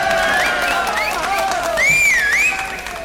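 Audience applause, a steady patter of clapping with high, sliding whistle-like tones rising and falling over it, holding at a moderate level before easing off slightly at the end.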